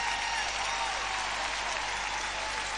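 A crowd applauds steadily, a dense, even wash of clapping hands that holds at full strength without pausing, with no voices standing out above it.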